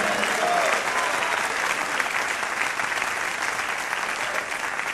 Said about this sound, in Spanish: Alguien puede darle un fuerte aplauso al Señor.